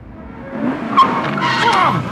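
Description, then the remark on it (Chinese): A motorcycle engine roars while tires screech in a sharp, sustained skid, the whining squeal rising and wavering over about two seconds. “那辆摩托车。”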